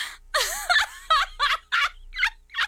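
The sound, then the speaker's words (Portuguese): A person imitates a clucking chicken, a run of about seven short, throaty bursts in a quick, uneven rhythm with brief pauses between them and no other talk. “Eu com a galinha.”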